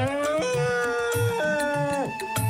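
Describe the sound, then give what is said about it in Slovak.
An old elephant raises its mighty trunk and trumpets in one long, brassy, sustained wail that drops in pitch in a few steps, with soft low thumps pulsing steadily underneath. “A tak zodvihol svoj mohutný chobot a zatrúbil na celú krajinu.”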